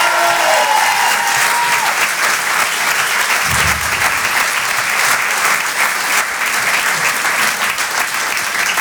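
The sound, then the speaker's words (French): Loud, sustained applause from a theatre audience at the Pau Théâtre for comedian Edgar Yves, broadcast live on Rire et Chanson, a dense wash of clapping that stays steady for the whole stretch with no voices standing out. “En direct de la Pau Théâtre sur Rire et Chanson, Monsieur Edgar Yves, on peut l'applaudir encore une fois très fort.”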